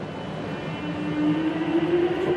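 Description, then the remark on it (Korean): A Seoul Line 5 subway train's ABB traction motor whines as the train departs, a steady tone climbing in pitch from E-flat over a low rumble of rolling noise, fairly loud, with no talking. “5호선 ABB 구동음.”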